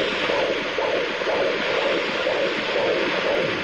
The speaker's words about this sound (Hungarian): Jó, akkor most még a szívhangokat is. Itt szokott lenni, ugye? A egyik szív.